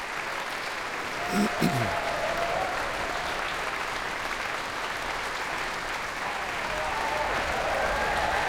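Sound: concert audience applause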